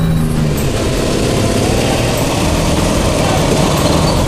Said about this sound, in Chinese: 团长，电驴子，打不打？ 燃烧着它。 团长，就一辆摩托车。